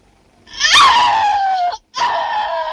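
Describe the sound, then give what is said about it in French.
A loud, shrill scream for the 28th take of a shower scene in a De Palma film, sliding gradually downward in pitch, breaking off for a split second, then resuming and holding steady to the end. No talking is heard. “De Palma nous invite discrètement à nous souvenir de ce cri. S'il te plaît, Betty, pense à ce que tu fais. Cri douche 28e.”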